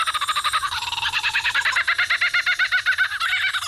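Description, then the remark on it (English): A lyrebird mimics a laughing kookaburra: a loud, continuous run of rapid chuckling hoots that pulse rhythmically and rise into a raucous cackle, with no talking. “Lyrebirds are best known for their uncanny vocal abilities, which can incorporate spot-on imitations of other bird species, like this laughing kookaburra.”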